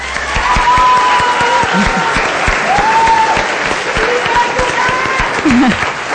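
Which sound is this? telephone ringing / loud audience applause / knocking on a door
loud audience applause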